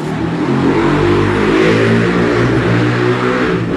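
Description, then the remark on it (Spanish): A loud engine roars and revs continuously, its low rumbling harmonics rising and falling with the throttle, from motorcycles with open, unmuffled exhausts in a city. “Ya, mil disculpas, es las famosas motocicletas con escapes libres que a esta hora no dejan en paz a la ciudad.”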